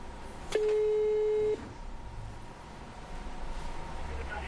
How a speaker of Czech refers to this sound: No a já samozřejmě mám i tady u toho produktu spokojené zákaznice, takže my si vytočíme dámy a řekneme si, jak jsou spokojené s produktem a jestli by to doporučili. Takže pojďme na to, voláme paní.